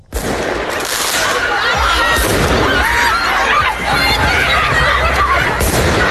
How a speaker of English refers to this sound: Sound of fireworks being let off and hundreds of students running down the street in Paris. The protests began last week over a shortage of teachers, overcrowded classrooms and run-down buildings.